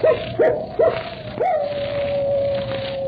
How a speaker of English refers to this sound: Captain Drummond, that howl, it's Moran's dog.